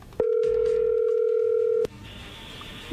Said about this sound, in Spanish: Bueno, a ver, ahí se está marcando, ahí entró la llamada.